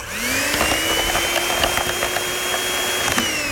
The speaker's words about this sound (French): Maintenant, on a sélectionné une gamme haute pour notre thé noir. Et on ajoute le poudre de lait. On va le fouetter.